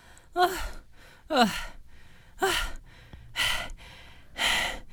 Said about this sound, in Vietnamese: Sao thở hổn hển như vậy chứ?